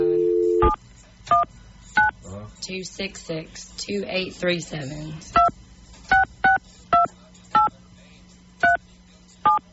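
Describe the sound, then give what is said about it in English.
A short dial tone gives way to about a dozen crisp touch-tone keypad beeps, tapped at a steady pace, with a stretch of voices talking between the early and later tones. “connects us to somewhere in China, and then we get a phone bill of like $4,000”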